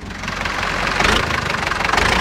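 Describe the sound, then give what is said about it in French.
A Renault tractor engine runs steadily at a farmers' protest, a loud, continuous low rumble with a faint rhythmic chug and no voices. “Et là, on entend le moteur d'un tracteur Renault, puisqu'il y a des gens de la Confédération Paysanne aussi.”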